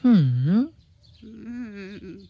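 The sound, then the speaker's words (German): Two drawn-out, croaking raven caws, fairly loud, the first dipping and rising in pitch, the second lower and wavering. They sound voiced by a person imitating the bird. “Ach, du kluger, hübscher Rabe, wirst du deiner Freundin denn nicht helfen wollen?”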